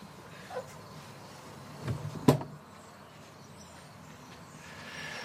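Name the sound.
door being opened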